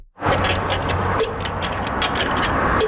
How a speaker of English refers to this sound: uses a torque wrench to tighten the lug nuts on the wheel of a pickup truck. So we're gonna go in that star pattern until you hear the click of the torque wrench.